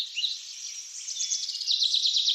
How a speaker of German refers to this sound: Das Dorf liegt eingebettet zwischen sattgrünen Reisfeldern in einer Talsohle und ich muss 200 Stufen zu ihm hinunterklettern. Die Stimmung hier ist ganz speziell. Es ist ruhig, nur das Vogelgezwitscher ist zu hören.